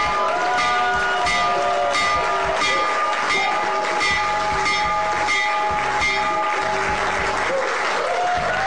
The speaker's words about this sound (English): All right, that was this morning in the Oval Office. President Donald Trump ringing the bell for the New York Stock Exchange and the NASDAQ to open up trading as part of his event to bring attention to the excellent idea called Trump Accounts.